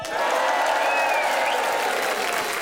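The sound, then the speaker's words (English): A radio show's studio audience gives a Friday Club cheer before the news, clapping loudly and steadily, a dense wash of applause with excited shouts and whoops rising above it throughout. “Let's have one last Friday Club cheer before the news, everybody.”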